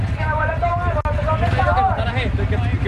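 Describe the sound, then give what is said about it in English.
A steady low engine rumble fills the scene as a caravan of motorcycles idles and pulls away from a central park in Caracas, Venezuela, an improvised earthquake relief hub, headed for La Guaira, with wavering revving tones rising and falling and a murmur of voices in the background. “Every half hour, a new caravan of motorcycles leaves a central park in Caracas, headed for La Guaira.”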